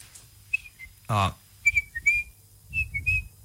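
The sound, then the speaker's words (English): A person whistles an imitation of a pied oystercatcher: a string of short, sharp, high piping notes in uneven bursts, broken by a brief voiced exclamation partway through, over low background rumble. “I've heard you mimic birds before on air, so can you mimic the bird? Oh, yeah. I could try. I could give it a go. All right. But, yeah. No pressure. And, oh, the actual, the pied oyster catcher.”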